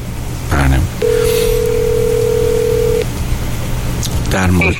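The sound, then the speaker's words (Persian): A steady electronic telephone tone sounds for about two seconds, the line ringing without an answer during a phone call a host places live on air, with a voice speaking briefly before and after it. “نه دیگه بذاریم بریم روی تلفن. نه هنوز که بر نداشتن که.”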